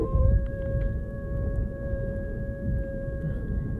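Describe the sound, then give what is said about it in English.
A long, unbroken howl heard outdoors in snowy trapping country holds a steady mid-pitched tone with faint higher overtones, droning on for several seconds over a constant low, rushing rumble. No one speaks. “Funny how when you're snug in bed, that howl is sort of nice to hear.”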